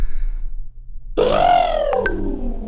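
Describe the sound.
After a moment of low background rumble, a person imitates an elephant with one loud, drawn-out trumpeting call that rises and then slowly sags in pitch.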